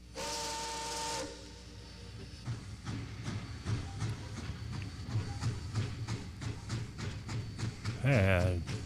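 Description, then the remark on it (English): An Amtrak train pulls out of the station past a platform: a loud steam whistle blast with hissing steam, then steady rhythmic clacking of wheels on the rails, and a brief rising whistle near the end. “Everyone stand away from the yellow line on the platform as the train leaves the station.”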